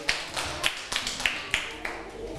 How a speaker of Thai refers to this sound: ปรบมือให้เพื่อนแล้วก็ปรบมือให้ตัวเองด้วยค่ะ